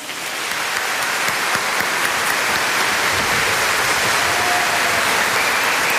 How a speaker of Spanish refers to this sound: Vamos a llamarlo con un fuerte aplauso a la cuenta de tres. ¿Están listas y listos? Una, dos, tres.